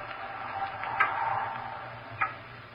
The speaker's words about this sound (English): It's a loud clock, ain't it?